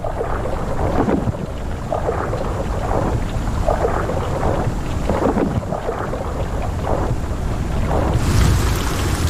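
A loud, steady thunderstorm: dense rain roars continuously while low rumbling thunder swells and rolls through, with gusts of wind buffeting. No voices.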